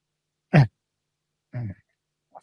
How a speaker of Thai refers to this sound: ขออภัยนะครับมันการจะมีการ กระแอมกระไอนะครับก็แม่ช่วงนี้นะครับเจอฝนเมื่อสัปดาห์ที่แล้วเข้าไปนะครับ